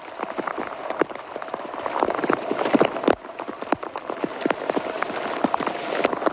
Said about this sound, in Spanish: Se van a dar cuenta, esto que escuchan es un sonido de Eurosport en la transmisión de la etapa, cómo cae el granizo en la carretera francesa.